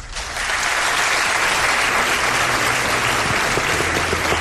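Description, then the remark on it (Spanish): A live audience breaks into sustained applause, a dense, steady wash of clapping that starts abruptly and holds at full strength for several seconds, with no talking over it. “Pido un aplauso para él.”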